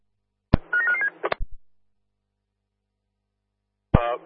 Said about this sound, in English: Stand by, my phone's ringing.